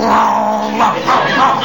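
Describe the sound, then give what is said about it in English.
A man on all fours imitates a dog's growl: a loud, sustained throaty rumble with a few surges in intensity, lasting under two seconds. “He growls, so I'll growl.”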